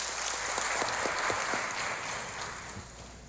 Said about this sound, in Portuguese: Aleluia, uma salva de palmas para o Senhor, amém.